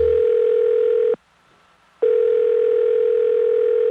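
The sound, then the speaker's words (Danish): A steady, single-pitched telephone ringing tone sounds clear in two long bursts, separated by about a second of silence, while waiting in a phone queue for a call to be answered. “Er du også træt af lang ventetid i telefonen?”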